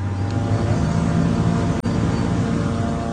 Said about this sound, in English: I can hear surveillance drones above us. They're watching everything.